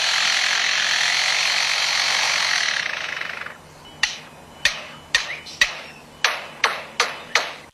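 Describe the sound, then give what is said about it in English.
A lyrebird that has been living near a construction site imitates construction noise: first a steady, harsh whirring like a power tool for about three seconds, then a series of eight sharp, ringing hammer-like strikes at irregular intervals. “This is a lyrebird that has learned, that's been living near a construction site and has learned to mimic construction.”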